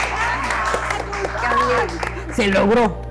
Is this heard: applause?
yes